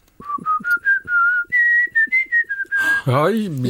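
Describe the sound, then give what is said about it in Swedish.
Someone whistles a song by a composer, a string of clear rising and falling notes in a steady rhythm, with soft breaths between phrases, and a voice cuts in right at the end. “Nej, men jag kan nog vissla på några …-sånger faktiskt.”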